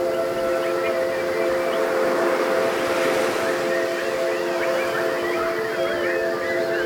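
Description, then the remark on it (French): A crowd of people whistles and warbles in imitation of birds, many chirps and trills overlapping over sustained whistled tones, a dense, continuous chorus filling the space for several seconds. “Est-ce que vous pouvez pour moi chanter tel des oiseaux, s'il vous plaît?”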